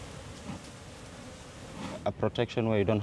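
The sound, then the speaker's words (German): A steady, diffuse hum of many honeybees buzzing around beehives set among mangrove trees in Lamu by the Indian Ocean, fairly quiet and continuous, before a voice cuts in over it in the final second. “Die Bienen sind wie gratis Parkranger.”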